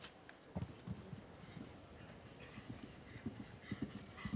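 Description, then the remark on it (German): A horse's hooves thud rhythmically across soft ground in a steady canter on a show-jumping course, over a low outdoor background hum, with no one speaking. The horse stands almost 1.90 metres at the withers. “hat ein Stockmaß von fast ebenfalls 1,90 Meter.”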